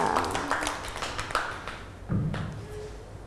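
A small group of children in a class clap their hands for a classmate's crayon drawing, in a loose, uneven patter that starts right away, then thins to a few scattered claps and soft thuds toward the end.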